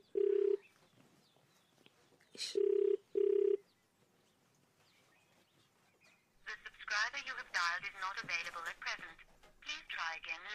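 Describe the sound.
An outgoing phone call's ringback tone sounds as steady, clear low tone bursts: one, a pause, then two more close together, before a person starts talking loudly over the line.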